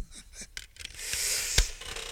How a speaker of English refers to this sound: Oh, I got the squeaky chair. You hear that? I shouldn't have drawn your attention to it, because now, let's see if I can swap out for another.